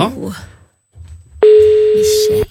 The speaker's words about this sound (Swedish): Nu går det fram signaler. Vi ringer till Michelle.